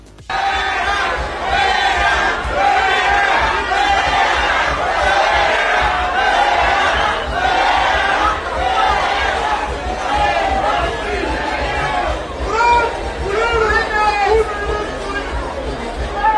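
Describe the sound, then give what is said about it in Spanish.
A large crowd shouts and boos loudly and continuously, many overlapping voices rising and falling in a sustained, jeering roar with no break for the whole stretch. The crowd is booing senator Alejandro Murat as he attends the president's event on a Saturday, during a handover of housing. “Luego, el sábado, durante la entrega de viviendas, el senador de Morena y exgobernador priista Alejandro Murat asistió al evento de la presidenta y fue recibido con abucheos.”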